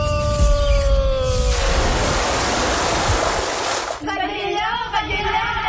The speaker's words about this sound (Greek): Καλοκαίρι στο Νότο. Μία πλατσουρίστα.